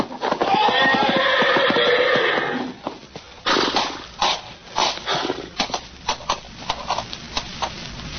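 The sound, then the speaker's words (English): A horse in a stall lets out a loud, shrill whinny lasting a couple of seconds, followed by a rapid series of heavy, irregular hoof thuds and stamping as it tramples a man. “Grab the horse, Novak. He's going to trample him.”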